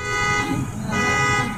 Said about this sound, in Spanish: Uy, lo tuvieron que abrir, se accionó la alarma.